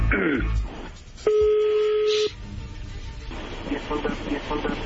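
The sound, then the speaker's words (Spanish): A telephone number being dialed: one steady electronic keypad tone holds for about a second, set against murmuring voices and background noise. “no haga ruido, ahí se está marcando.”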